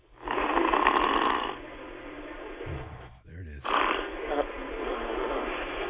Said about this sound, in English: our live coverage here on Fox Sports Radio of a overweight man in his 60s snoring in Minnesota